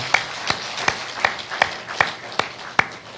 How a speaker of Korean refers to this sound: 그리고 이 바자회를 위해 수고하신 분들이 너무나 많은데요. 특별히 우리 주방팀들 너무 감사하고요. 또 그중에서도 늦게까지 남아서 하신 분들이 또 있는데 감사하고요. 우리 다 같이 수고하셨습니다. 박수하겠습니다.